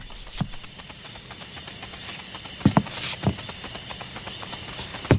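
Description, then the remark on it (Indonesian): A handful of soft, irregular footsteps thud on a hard floor, drawing closer, over a steady high-pitched hiss like crickets chirping at night. “Langkah kaki itu, jangan-jangan dia.”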